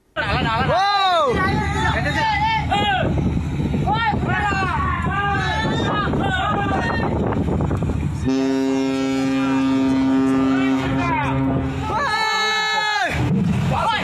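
A cargo ship collides with a fishing vessel amid loud, agitated shouting from several people, then a long, low, steady ship's horn blares for about four seconds before the shouting resumes.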